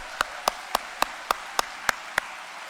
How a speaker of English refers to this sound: And if I could have a round of applause for all of our veterans here.